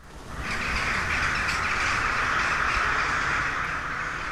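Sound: crows cawing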